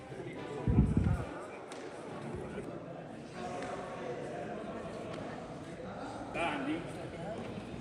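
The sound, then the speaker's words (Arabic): A goalball thumps against the floor in a quick cluster of heavy bounces near the start, during a goalball tournament for blind players in Idlib with 16 players, held by the Paralympic Committee with the Red Crescent; then a steady hum with faint voices murmuring in the background. “أقامت اللجنة البارامبية في إدلب بالتعاون مع الهلال الأحمر بطولة كرة الهدف للمكفوفين، شارك فيها 16 لاعبا من ذوي الهمم بعنوان لا حدود للقدرة، اتبع الصوت.”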